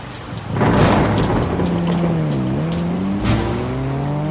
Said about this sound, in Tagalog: Pagalan ng takbo kapag bumuhos na ang ulan.